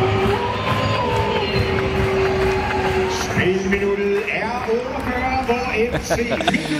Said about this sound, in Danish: Ulvehyl og klapsalver, må man sige.